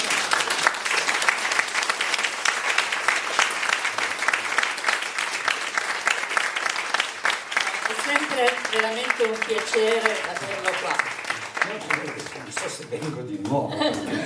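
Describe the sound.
Sustained applause from an audience fills the room, a dense wash of many hands clapping steadily, with voices and a few cheers rising over it toward the end as it tapers off.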